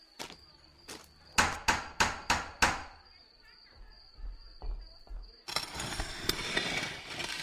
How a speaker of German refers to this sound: Kleinwüchsige bitte den Türklopfer betätigen.